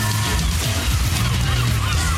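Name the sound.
seagulls calling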